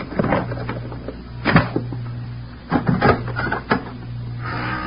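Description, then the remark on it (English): A pass key rattles and clicks in the lock of a hotel room door, followed by a few sharp clunks and knocks as the door is unlatched and swung open over a steady low hum. No one speaks. “I'm going to use the pass key.”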